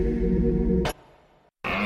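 A deep, rough bellow like a rutting stag's, loud and lasting under a second, then a sharp burst, a fading tail, a short silence and another sound, in a radio advertisement for Little John Bikes.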